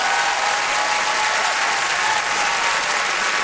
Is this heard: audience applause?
yes